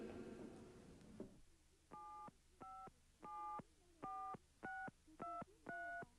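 A phone number is dialed to call Seçil: seven distinct touch-tone beeps in a steady, slightly uneven rhythm, each a short clear dual-pitch tone, following a brief burst of louder rustling noise at the start.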